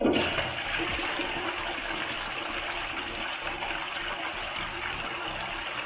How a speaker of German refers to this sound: Ja, für diese musikalische Leistung gibt es natürlich immer eine Klospülung.